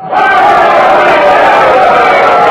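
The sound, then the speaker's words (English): A large crowd cheers and roars together after a speech by the Queen, in a dense, sustained wall of voices, loud and steady throughout with no break or single voice standing out. “The Queen is raising her hand to still the crowd.”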